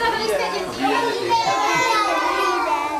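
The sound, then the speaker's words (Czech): A lively clamor of young children playing and chattering in a kindergarten in Jihlava, many small voices overlapping with steady, continuous energy throughout. “Zástěny a urny teď pracovníci nesou do jedné z mateřských škol v Jihlavě.”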